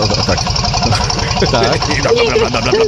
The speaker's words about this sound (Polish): Stary dobry diesel, to słychać. No, to dużo pali rzeczywiście.